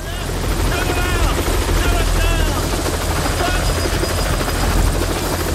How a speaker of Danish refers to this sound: Og lige pludselig så lander der en helikopter og støver hele arbejdspladsen til...